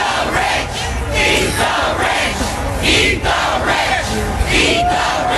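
A large crowd yells the protest chant "eat the rich" in unison, loud and steady, with shouted bursts rising roughly once a second over a constant roar of many voices.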